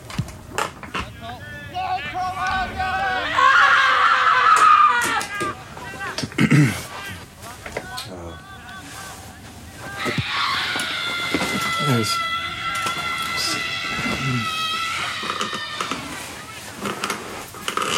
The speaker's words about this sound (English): The scream. Give in to the more chaotic nature. Here we go. The scream.